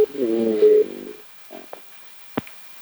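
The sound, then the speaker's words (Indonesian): A short WhatsApp call ringtone plays for about a second, a steady tonal burst, followed by a few faint clicks and a sharp tap before near silence. “kita beralih ke telepon WhatsApp.”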